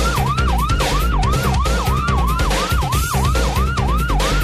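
An ambulance siren wails in a fast, repeating yelp, each rise and fall coming about twice a second, loud over a low road rumble, with no one speaking.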